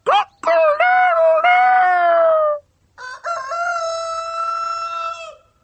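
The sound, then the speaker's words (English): A farmyard rooster crows twice, loud: a long, wavering cock-a-doodle-doo, a short pause, then a second, steadier crow of similar length. “"I am a cook, a farmyard cook. How do you doodle do?"”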